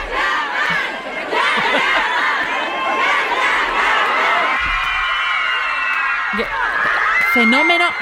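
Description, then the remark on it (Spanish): Thousands of fans outside an airport scream and shriek nonstop for an arriving actor from Turkish TV series, a dense, loud wall of high-pitched voices with overlapping yells and cheers rising and swelling throughout. “Vamos a escuchar cómo gritaban Can Yaman y gritando”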